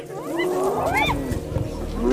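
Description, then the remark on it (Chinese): A spotted hyena calls with loud, rising whoops that sweep upward in pitch, summoning other members of its clan to help take prey from lions, repeated a couple of times and growing louder, over a low, rumbling outdoor background. “这不是挑衅狮子的叫声，而是斑鬣狗在召唤族群里的其他成员。”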